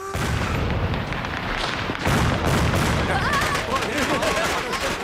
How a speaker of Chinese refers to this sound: 一只鞭炮掉在他们面前。